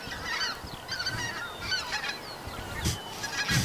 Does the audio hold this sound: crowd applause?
no